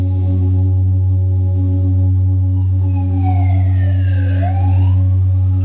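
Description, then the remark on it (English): An emergency siren wails in rising and falling sweeps over a loud, steady low hum that fills the whole recording; no one speaks. “Noticing if the siren comes into your consciousness, let it be there.”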